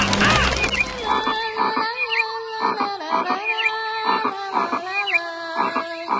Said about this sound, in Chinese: 连小虫、青蛙都跟她一起唱歌呢，真想就这样一直听她们唱歌。